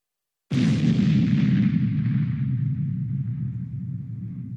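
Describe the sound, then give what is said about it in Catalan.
A single loud explosion bursts in after a moment of silence, followed by a long, deep rumbling roar that slowly fades over several seconds. No voices are present. “Una explosió en català serà BUM, B-U-M.”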